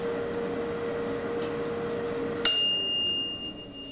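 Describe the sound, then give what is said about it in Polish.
A combi oven hums steadily for a couple of seconds while food bakes, then its end-of-cycle bell gives a single bright ding with high tonal overtones that slowly fades. “I właśnie w tym momencie kombiwar zakończył swoją pracę.”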